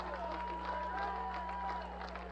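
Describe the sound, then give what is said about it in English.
A large baseball stadium crowd, many rising to their feet, roars in a steady, sustained wash of cheering and murmuring voices, with some scattered clapping and a low electrical hum underneath. “And now the crowd makes a little bit of noise. A large percentage rise to their feet.”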